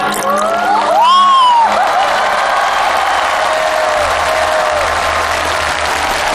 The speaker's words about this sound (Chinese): 我们把掌声送给这一组给我们带来的作品。